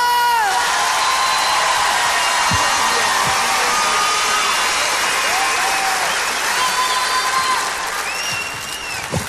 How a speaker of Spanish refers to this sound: Un aplauso a Joshua, por favor.